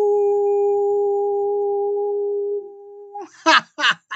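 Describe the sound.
A person imitates a wolf howl with one long, steady, loud held note lasting about three seconds, followed by a few quick bursts of speech.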